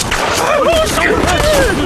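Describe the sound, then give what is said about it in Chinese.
A rapid volley of gunshots cracks through a noisy scene, with voices shouting and calling out over the steady fire. “听枪声，他们人少，正好杀了几起。”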